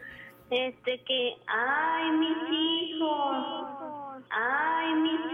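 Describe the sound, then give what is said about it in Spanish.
A voice imitates the wailing cry of La Llorona, the weeping ghost woman: a few short, choppy sobs, then long, loud, wavering wails that slide up and down in pitch, with a brief break between them. “¿Y cómo gritaba la Llorona”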